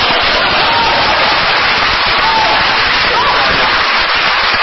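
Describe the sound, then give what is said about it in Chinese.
Sustained audience applause for a performer at a late-night show, a dense, crackling wash of many hands clapping at once, holding steady and loud for several seconds without pause. “再一次谢谢大家给我一个人的掌声。”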